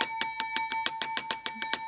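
A bright bell rings rapidly and steadily, about ten evenly spaced strikes with sustained ringing tones overlapping between them, loud with no voices.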